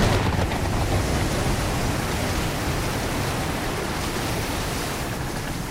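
A loud, dense roar of a storm at sea striking the bow of a ship, with rushing wind and churning, crashing, foaming water forming a steady wall of noise throughout, with no voices.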